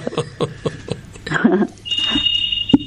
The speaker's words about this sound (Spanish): ¿Tenés un teléfono sonando o no? No, es para atrás. Una alarma.